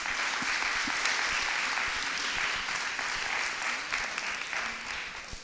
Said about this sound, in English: Please join us in a warm round of applause for the Hill House Association.